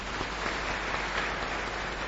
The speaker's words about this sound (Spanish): Y especialmente gracias a ustedes también por su perseverancia. Así es que Dios les bendiga a todos. Un fuerte aplauso.